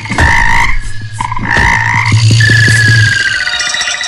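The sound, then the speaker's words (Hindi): Several frogs croak loudly, their calls overlapping in a busy chorus of rising trills and repeated croaks over a steady low drone, with no one talking. “मेंढक बोले, हम बाहर निकलते हैं तो बच्चे हमें पत्थर मारते हैं”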